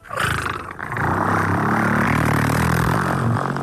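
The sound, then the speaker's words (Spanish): A voice mimics a diesel car engine with a loud, throaty rumble: a short opening burst, a brief dip, then a steady growling drone for about three seconds. “Entonces, o en el coche diésel”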